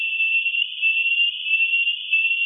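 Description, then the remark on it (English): A rat's stress alarm call, captured by a toaster-sized recording box and pitch-lowered for human hearing, a steady, high whistling tone that holds one pitch without a break, wavering slightly in loudness. No voices, just the single sustained whistle. “That whistle is the alarm call, stress. BASIS has lowered the pitch for human hearing.”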